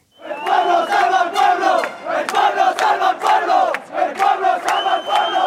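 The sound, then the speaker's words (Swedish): A large crowd of counter-demonstrators gathered at Plaza de los Reyes on a Saturday evening chants loudly and continuously "Fascists, off our streets, out of our city" in rhythmic, repeated phrases, voices rising and falling together with sharp shouted accents throughout. “Fascister, bort från våra gator, bort från vår stad, skanderade en grupp människor som samlades på Plaza de los Reyes, där ytterhögerpolitikern Alvise Perez hade fått tillstånd att hålla ett anförande på lördagskvällen.”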